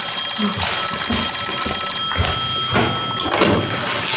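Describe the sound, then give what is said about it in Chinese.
A telephone rings continuously for several seconds, a loud, steady, high-pitched metallic trill, with soft thumps and rustling movement underneath and no voices. “哎，你怎么不接电话呀？”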